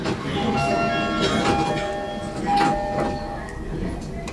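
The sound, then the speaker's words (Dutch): Busy metro station ambience with a rumbling train and crowd murmur, while thin high tonal chirps ring out intermittently as the station's own bird-based jingle, which lets visually impaired people hear which station they are at. “Bijna elk metrostation heeft zijn eigen jingle. Vaak gebaseerd op een vogel.”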